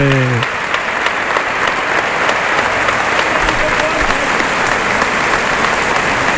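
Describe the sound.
A large crowd, all on their feet, gives a loud, sustained ovation for the bullfighter Benítez, dense clapping roaring steadily for several seconds, with a brief voice at the very start.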